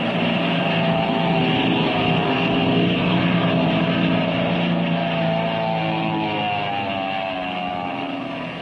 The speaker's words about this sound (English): Just at the moment when things began to look brighter for Captain Midnight and his friends, a black plane dives out of the crimson sky.